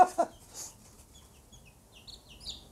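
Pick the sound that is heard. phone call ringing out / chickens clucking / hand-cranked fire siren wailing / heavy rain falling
chickens clucking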